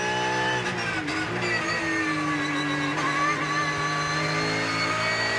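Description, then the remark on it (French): A 500-horsepower car engine revs hard and climbs in pitch as it accelerates uphill, a loud, sustained roar with no one speaking. “faut accélérer bientôt dans la montée. Le volant le plus droit possible. Allez, 500 chevaux qui vous collent dans le siège.”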